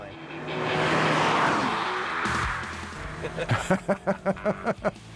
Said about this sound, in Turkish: Şuna bak, gitmek için hazır. Bir Volkswagen Golf GTI kullanıyorum.